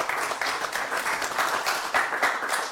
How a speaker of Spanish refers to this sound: Con su permiso, señor gobernador, nos acompañan en este momento Andrew Ryan, que es el director de FIBA Media, a quien les pido un fuerte aplauso para él, por favor.